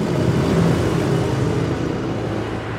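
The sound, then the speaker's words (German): Steady road traffic noise with a broad, continuous rumble of cars passing on a street where they may drive at 50 km/h, fairly loud, easing slightly toward the end. “Noch aber dürfen Autos hier mit 50 km/h vorbeifahren.”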